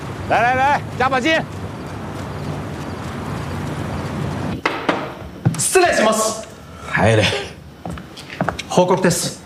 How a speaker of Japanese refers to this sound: 可这里风大浪大的，你还生个病呢。